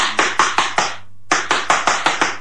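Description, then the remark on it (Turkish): Rapid, firm knocking on the door of a house comes in two quick bursts, about five sharp raps, a brief pause, then six or seven more at the same steady pace, fairly loud with no voices. “Yoksa kapıyı vurayım bakayım.”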